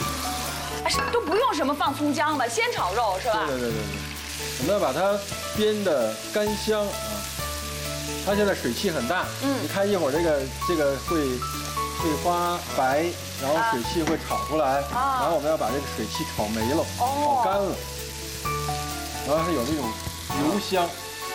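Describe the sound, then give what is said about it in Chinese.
Lamb stir-frying in hot oil, a steady sizzle with occasional clinks of a spatula against the pan, continuing throughout while people talk over it; lean lamb put into a wok with extra oil and fried without scallion or ginger until its moisture cooks off. “我们把那个羊肉啊放进去。”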